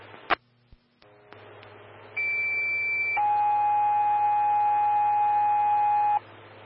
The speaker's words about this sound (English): Stand by for tones on a service call.